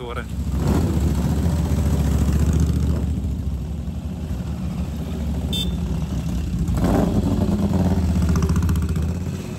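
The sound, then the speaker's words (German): A V-twin motorcycle engine rumbles steadily during a weekend in Mandello, a loud, low, throbbing idle that holds for the whole stretch, with faint background voices and crowd noise mixed in. “Der Sound der V2-Motoren ist an diesem Wochenende in Mandello allgegenwärtig.”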